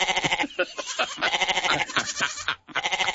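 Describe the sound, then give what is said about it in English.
Goats bleat continuously in a dense, wavering chorus, their nasal cries overlapping and pulsing loud with only one brief pause near the end. “And just to let you know, there's plenty of goats between Cobar and Ningen when I came through there the other day.”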